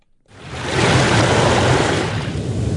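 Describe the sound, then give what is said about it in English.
A steady, loud wash of sea water around a traditional Filipino fishing boat near the shoreline of Pagasa Island in the South China Sea fills the scene after a brief quiet start, a continuous rushing surf-like roar with a faint low rumble beneath. “Filipino fisherman Joseph is showing us around on his traditional fishing boat. We're surrounded by vibrant blue waters near the shoreline”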